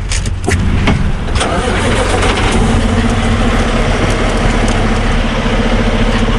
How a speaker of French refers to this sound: Je laisse les camions sur la transcanadienne, cette grande route qui traverse le pays d'est en ouest.